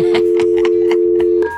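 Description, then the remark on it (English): A steady phone tone hums underneath while a quick series of keypad beeps are punched in to dial a phone call, about eight short tones in an uneven rhythm, clear with no talking. “Let's get this lover on the phone.”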